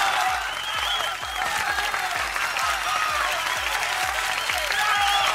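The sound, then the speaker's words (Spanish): Heavy rain from a storm in the south of Guadalajara pours down in a dense, steady roaring hiss, with a regular low thumping pulse running underneath the whole time. No voices are heard. “Así es, así como lo escuchas, así como lo oyes, tormentón.”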